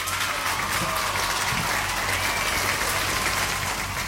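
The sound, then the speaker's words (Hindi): Steady, dense applause from many hands, a loud continuous patter of clapping that holds at an even level for a few seconds with no voices. “उसके साथ साथ आप सभी ने बिल्कुल सही जवाब दिया है, तो बजेंगी तालियां यहां पे.”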